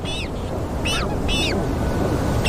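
Magellanic penguins give four short, harsh honking calls, each bending up then down in pitch, spaced irregularly over a steady low rumbling background noise.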